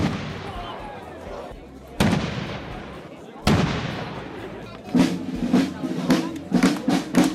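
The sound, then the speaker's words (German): Three loud ceremonial cannon shots boom out outdoors at 2 pm to open the 459th Kranzlreiten festival in Weitensfeld in the Gurktal valley. They come about two seconds apart, each leaving a long rumbling echo, followed by a scatter of sharper pops and bursts. “Mit 3 Kanonenschüssen und dem Einzug der Trachtenkapelle Zweinitz ist es ja pünktlich um 14 Uhr losgegangen in Weitenswels beim 459.”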